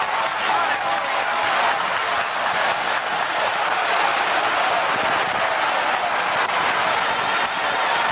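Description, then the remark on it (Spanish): A large audience at an evening service claps steadily and loudly for several seconds, applauding the Lord, the dense applause blending with shouts and cheering voices, with no pause or letup throughout. “Démele un aplauso al Señor esta noche.”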